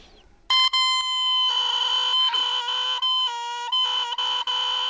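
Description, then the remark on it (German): A bare oboe reed of thinly carved cane, blown on its own, gives a loud, buzzy, crowing squawk that holds for several seconds, wavering in pitch with brief breaks, like a rooster's cry. “Und wenn ich jetzt da reinpuste, da reinblase, dann klingt das so.”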